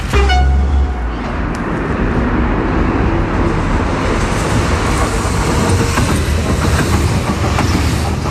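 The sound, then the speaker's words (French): A train rushes past on the tracks, a loud, steady roar of wheels rumbling and rattling on the rails, opening with a brief low horn blast, during a heat wave with the rail at 55 degrees Celsius. “Après le passage du train, Gérald va pouvoir faire son inspection”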